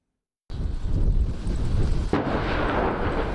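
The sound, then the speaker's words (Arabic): After a brief silence, a heavy, continuous low rumble of artillery fire and explosions rolls in at Ali al-Taher hill in the Nabatieh district of southern Lebanon, with a sharp, loud blast cracking through about two-thirds of the way. No voices. “عادت النار إلى حيث توقفت، تلة علي الطاهر جنوبي لبنان، النقطة الاستراتيجية في قضاء النبطية التي عجز الجيش الإسرائيلي عن حسم السيطرة عليها رغم خوضه أشد المعارك على تخومها قبيل التوصل إلى وقف إطلاق النار في يونيو الماضي”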